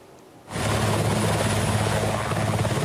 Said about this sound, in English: Helicopters were deployed to water bomb, the blaze cutting through forests in the Delibloto Sands Nature Reserve in Vojvodina, northern Serbia.